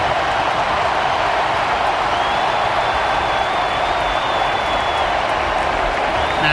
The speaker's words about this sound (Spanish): Se viene el 10, se viene Leo Messi, se marcha Lautaro y esta es la ovación para el número 10, Leo Messi.